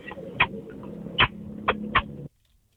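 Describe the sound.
A man from St. Cloud makes four short, sharp kissing smacks in an uneven rhythm, each a quick bright pop, over a low steady hum that cuts off abruptly after the last one.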